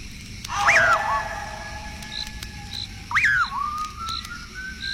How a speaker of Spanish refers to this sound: Un raro silbido penetrador y espeluznante comienza a dejarse oír tras los pasos de Juan Hilario